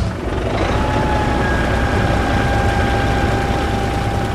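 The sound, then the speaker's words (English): A modern combine harvester engine runs steadily, a loud continuous low rumble with a thin, constant mechanical whine on top. No voices, and the drone holds even for the whole stretch. “Inside a modern combine, you don't just see waves of grain moving past the windshield.”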